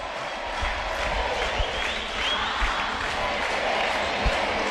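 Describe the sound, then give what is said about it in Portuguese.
A crowd of fans at a match involving the Carlos Barbosa team cheers and applauds in a steady, dense roar that holds for several seconds, with a few low thumps beneath it and no clear speech. “Torcida!”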